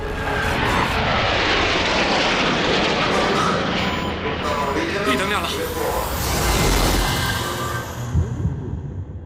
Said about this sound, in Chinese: 云海中，失重模拟飞机沿抛物线连续俯冲、拉起，让我们反复经受失重的考验。